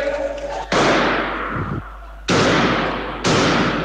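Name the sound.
repeated gunshots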